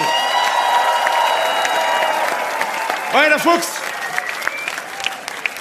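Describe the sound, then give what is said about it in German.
Steady, dense applause from a sizable audience on a Sunday music show fills the whole stretch, given for a singer who tours with his band next year, with a man briefly calling out over it partway through before the clapping carries on. “Einen riesen Applaus nochmal.”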